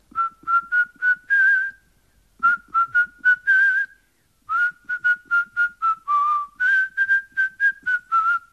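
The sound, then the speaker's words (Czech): A person whistles a tune in the garden of a shoemaker's cottage in a village, three phrases of quick, clear notes with short pauses between them, fairly loud, with no one talking. “Leda, že bys si zaskočil do vsi, co leží za vrchem Šiberákem, našel tam ševcovic chalupu, postavil se na zahradu a zapískal.”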